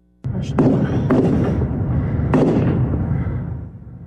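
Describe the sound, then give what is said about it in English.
Several sharp gunshots crack out at irregular intervals, roughly four loud bangs over a continuous rumbling, noisy background that slowly fades toward the end; a suspect opens fire in a shopping area near a newly opened In-N-Out Burger in Twin Falls while people hide in their cars. “Shocking video right there shows a suspect open fire as people hide nearby in their cars.”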